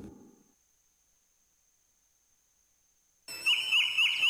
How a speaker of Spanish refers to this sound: Canta el gallo y comienza el programa Amanece, con lo mejor de la música de México.